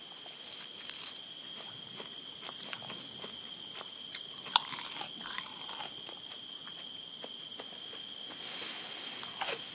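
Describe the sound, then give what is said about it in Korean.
Monkeys in a mangrove forest chewing salty mangrove leaves: irregular, crisp crunches and small snapping clicks, with one sharper crack midway, over a steady high-pitched whine. Nobody speaks. “이번에는 코즈브 원숭이들이 먼저 도착했군요. 지금 가장 간절한 건 짭짤한 맹그로브 잎사귀 샐러드죠.”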